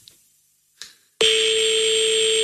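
After a moment of near silence, the ringing tone of a phone call to a number in Paris's 20th arrondissement starts abruptly and holds as one steady, loud, buzzy electronic tone at a single pitch until the end; the call goes unanswered.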